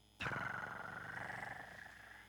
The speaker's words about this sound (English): I hear my cat purr.